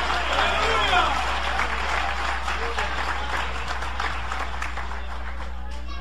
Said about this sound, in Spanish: Dale ese aplauso de poder al Señor. Dale ese aplauso de poder a Jesús.